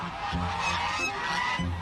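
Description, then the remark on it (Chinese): A flock of geese at a goose farm in Chenghai, Shantou, China, honks and cackles continuously, overlapping calls in a steady, loud chorus with repeated low pulses, filling the whole scene without any talking. “在这里遍布着近百家鹅场。”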